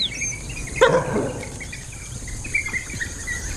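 A single sharp call from an African wild dog rings out near the start as the pack stands its ground against a dominant baboon, followed by fainter yips over an outdoor background of birds and insects.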